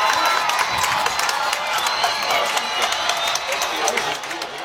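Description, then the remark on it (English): A large stadium crowd roars and cheers continuously at a football game at Jake Field as the fourth quarter begins during a light show, Concord's first home game in 648 days; a dense, loud wall of voices with scattered whistles and claps, sustained without letup. “As the fourth quarter begins, the light show has hit Jake Field. And the players are hyped up. Listen to this crowd.”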